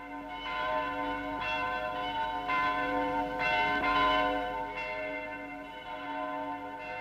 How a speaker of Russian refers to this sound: Вы знаете, от чего такой перезвон? Да ведь сегодня Николин день.